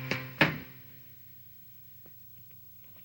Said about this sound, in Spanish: Lino cierra la puerta.